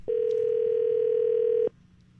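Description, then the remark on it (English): A telephone dial tone while calling someone at random on the 98.1 The Max radio show, humming steadily for about a second and a half, one flat, mid-pitched tone that starts and stops abruptly, with a faint low background murmur afterward. “Just going to call somebody up at random.”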